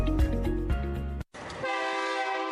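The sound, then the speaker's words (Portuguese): A train horn blares loudly with sustained harmonic tones, cuts out for a brief instant, then sounds again in a long, steady blast without any talking. “Ao atravessar a linha férrea, pare, olhe e escute. Espere o comboio passar para depois atravessar.”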